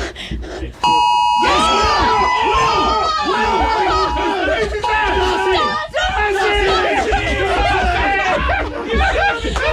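Several phone alert chimes go off at once near the start, ringing together for a couple of seconds, followed by a burst of excited chatter and laughter from a group of people.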